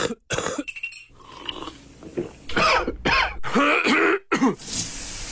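Someone coughs and clears their throat repeatedly, a series of harsh, rasping bursts with short pauses between them, followed by a breathy rush at the end.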